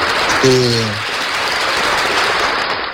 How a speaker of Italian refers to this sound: Ah, che bello, un applauso all'aperitivo oggi.